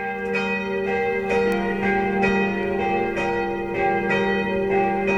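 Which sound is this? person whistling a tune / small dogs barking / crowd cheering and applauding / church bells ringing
church bells ringing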